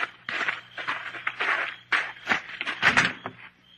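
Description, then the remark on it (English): A Jeep door fitted with a photoelectric cell opens with a run of rattling, scraping mechanical bursts, uneven in rhythm and fairly loud, over a steady low engine-like hum. “When did you put a photoelectric cell on the Jeep door, Slate?”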